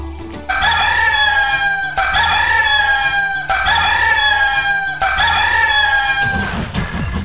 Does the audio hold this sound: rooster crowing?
yes